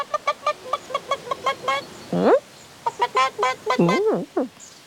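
hen clucking

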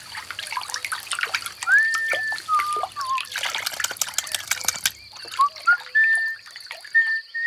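trickling water

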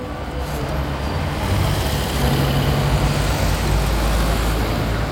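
city street traffic ambience

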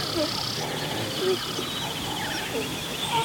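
gazelle herd alarm calls

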